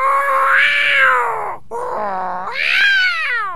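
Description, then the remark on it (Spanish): A cat meows loudly, two long drawn-out wailing calls that rise and fall in pitch, the second starting right after a brief pause. “Le dije, mira, gato, mami.”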